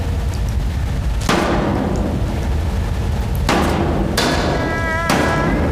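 Someone smashing a generator: four heavy, clanging blows land at uneven intervals over a constant rushing hiss, one leaving a brief metallic ring. No one speaks.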